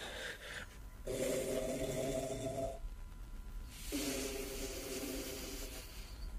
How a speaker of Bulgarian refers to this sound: Черният цар хърка. Не. Нагласил се е нарочно, за да хърка колкото може по-силно.